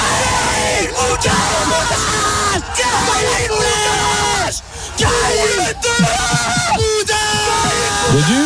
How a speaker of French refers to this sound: …, c'est Dodu qui ouvre son pied. Et qui nous remet devant! Arrêtez de crier au même moment!